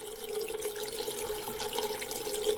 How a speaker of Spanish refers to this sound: No, ese efecto más bien es de echarle agua a la olla.